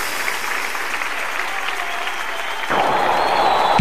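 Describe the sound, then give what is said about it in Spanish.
An audience claps in steady, dense applause, given as an offering of applause to the 'King of Kings', growing louder near the end as the crowd keeps clapping without any talking. “darle una ofrenda de palmas al Rey de Reyes.”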